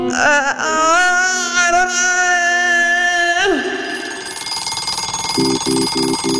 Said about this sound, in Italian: La sveglia suona. La Puccioni si desta.